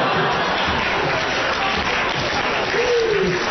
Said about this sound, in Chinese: 大家这鼓掌就看出来了，对您非常熟悉。